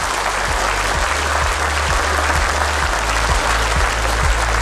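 A round of applause from a small crowd, steady dense clapping that holds at an even loudness throughout, with a low rhythmic thumping underneath and no voices.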